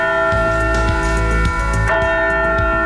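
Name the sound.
heavy church bell ringing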